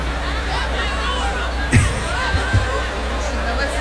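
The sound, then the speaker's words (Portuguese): Steady applause and cheering, a dense, continuous wash of clapping and excited voices with a couple of brief louder bursts, heard from amid the audience. “Uma salva de palmas, é maravilhoso isso.”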